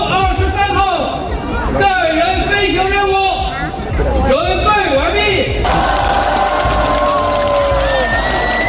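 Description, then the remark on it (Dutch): A loud crowd cheers and shouts excitedly with clapping mixed in for several seconds, then the cheering gives way to a steady, rushing roar; applause as a crew of three Chinese astronauts launches toward a Chinese space station from northwest China. “Na luid applaus werd de bemanning in het noordwesten van China de lucht ingeschoten.”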